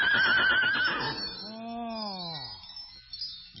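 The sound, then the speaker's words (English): A horse gives one loud whinny, starting with a high, quavering trill and then sliding down into a lower, drawn-out neigh that fades at the end. “Nice, paisley, horsey. Give the nice horses some sugar cubes.”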